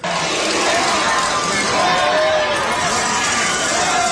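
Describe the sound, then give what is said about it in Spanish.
A crowd behind a fence shouts from far away in support of President Claudia Sheinbaum and Monreal, a steady roar of many voices with rising and falling yells running through it for the whole stretch, at a constant loudness. “Los gritos se escuchan muy lejos.”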